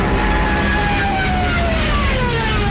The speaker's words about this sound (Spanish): también millones de civiles, peleando por un hueco en trenes y camiones, o a pie, largas filas en las carreteras, espantadas por el estruendo de los aviones Stukas, de sus ametralladoras y sus sirenas, apodadas las trompetas de Jericó.